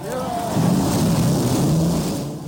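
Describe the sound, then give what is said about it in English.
Several race car engines rumble to life together, a loud, steady mechanical roar with droning low tones and a brief rising whine near the start, filling the whole clip. “and gentlemen, start your engine.”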